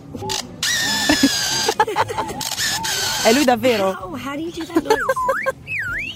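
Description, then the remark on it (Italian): A lyrebird named Nova at the Adelaide Zoo in Australia mimics a Polaroid camera: sharp shutter-like clicks and a whirring mechanical buzz of the film, followed by rising and falling whistled calls, with a person briefly speaking over it. “Ma ce n'è uno in particolare che si trova nello zoo di Adelaide in Australia, che si chiama Nova ed è specializzato nell'imitazione incredibile, perfetta, della macchina fotografica Polaroid.”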